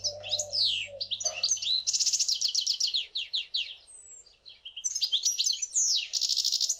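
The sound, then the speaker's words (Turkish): A songbird sings a long, varied song of rapid chirps, trills and sweet whistled notes, clear, with brief pauses before the phrases resume, and no voices present. “Buna Bu ötüş diyoruz o zaman. buna ötüş diyoruz, evet.”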